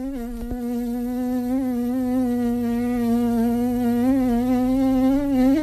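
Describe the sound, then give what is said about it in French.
A voice imitates a buzzing fly with tightly pressed lips, producing a steady, nasal drone around a low pitch that wavers slightly and swells near the end, with no talking. “Je peux faire aussi la mouche. Je serre les lèvres pour laisser passer un tout petit peu d'air.”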